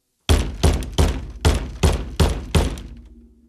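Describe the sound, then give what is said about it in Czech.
A plastic tub, used as a footrest at the piano, is struck against a head by a mother seven times in a steady, quick rhythm, each hollow whack ringing briefly before the next, with a low tone lingering after the last hit. “Jednou jsem dokonce od ní dostal po hlavě umělohmotným škopkem, kterým jsem měl podloženy nohy.”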